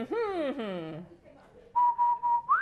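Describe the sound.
A voice slides down in pitch, then after a short pause someone whistles a few steady, clear notes close by, ending with a quick upward lift.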